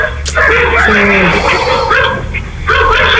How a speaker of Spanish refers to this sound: Aquí está claro este video, sector Eugenio Espejo. Usted solo se escucha el ladrido.